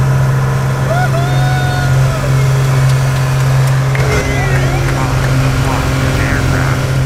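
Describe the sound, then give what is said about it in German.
Inside a small airplane on a sightseeing flight high over the border, with three passengers aboard: a loud, steady engine drone with a deep constant hum fills the cabin throughout, with faint indistinct voices and brief higher tones now and then. “So hat es heute in einem kleinen Flugzeug in der Luft hoch über die Grenze getönt.”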